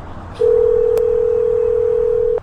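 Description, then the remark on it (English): A steady telephone dial tone hums loudly for about two seconds, broken only by a couple of faint clicks, then cuts off abruptly. No one speaks. “But just a minute, before we go further, let me just take this phone call.”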